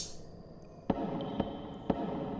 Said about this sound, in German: Was war das? Was war was? Habt ihr das Klopfen nicht gehört?